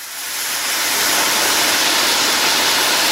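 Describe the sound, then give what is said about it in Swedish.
Steady, dense sizzling of bacon frying in a pan, a bright crackling hiss that swells in over the first half second and then holds level, with no voices. “Jag säger bacon. Det är antingen bacon, broder! Ja. Helt rätt.”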